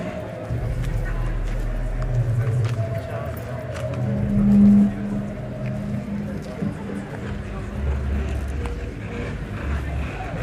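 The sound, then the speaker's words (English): Steady street traffic fills the scene: a continuous low engine rumble with passing vehicles, scattered sharp clacks and knocks, and an indistinct murmur of activity throughout, moderately loud and unbroken. “Out in the streets, among traffic sounds, a pathetic cardboard sign announces”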